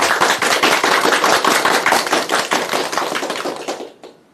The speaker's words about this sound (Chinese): 我们掌声欢迎。